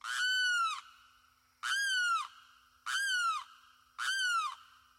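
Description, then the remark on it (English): A limpkin, a tall, brown, long-beaked wading bird, gives its eerie wailing cry four times in a wooded swamp in the Florida Everglades: loud, harsh, evenly spaced calls, each a strained, slightly falling scream with a brief pause between, clear with no voices. “It's a wading bird called a limpkin. Tall, brown, long-beaked, its eerie cry is unmistakable.”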